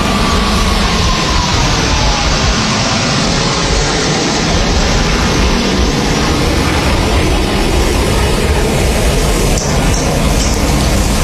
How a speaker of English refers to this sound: And I'll stop yammering here for a moment as we watch those planes fly by. It's pretty amazing just how low they are to the water. You can hear the crowds cheering as well.